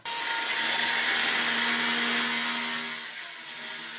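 A power tool cuts or grinds steadily on metal struts at a construction site in Großkreuz, in an open, light-filled warehouse where a heating system is being built, a loud, continuous rasping whine with a faint high tone, running unbroken for several seconds with no voices.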